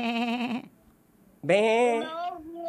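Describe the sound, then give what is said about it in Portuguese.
A person imitates a sheep with two wavering, nasal bleats, a short one followed by a longer, louder one after a brief pause, clear with no other sounds. “Isso, ovelha.”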